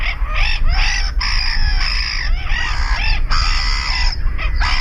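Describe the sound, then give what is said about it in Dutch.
Black-headed gulls calling repeatedly, harsh rasping screeches that rise and fall in quick overlapping bursts, loud and nearly continuous over a low background rumble, with no talking. “We zetten ze even op een rijtje. De kokmeeuw.”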